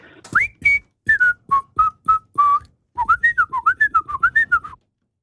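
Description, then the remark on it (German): A person alone whistles a short tune from a late-1960s song that was a number one hit in the Swiss charts, deliberately imprecisely: a string of clipped, separate notes, a brief pause, then a quicker wavering run of linked notes, pitch sliding loosely between them. “Ich habe allerdings die Person, die pfeift, angehalten, möglichst nicht so korrekt zu pfeifen, wie es sonst einfach wäre, gell?”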